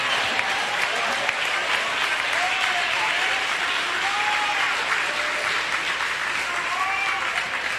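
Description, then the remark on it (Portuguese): A church audience claps their hands to glorify Jesus during a worship service, sustained, dense applause, a steady wash of many overlapping claps with no distinct rhythm, with faint cheering voices rising through it. “Batam palmas e glorifiquem a Jesus.”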